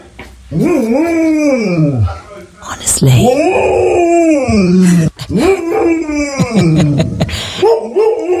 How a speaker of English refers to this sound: It's Lucy, the golden retriever who's gone viral because of its constant mooing at the cows, as opposed to woof-woofing at other dogs. Remarkable.